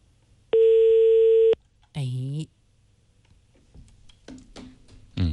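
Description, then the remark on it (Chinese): A single steady telephone ringback tone sounds for about a second, loud and clear, then stops unanswered, from a call to the mobile phone of the Mengtong Village party secretary. A short voice follows, and people speak quietly toward the end. “暂时没人接。 没人接，这是手机。”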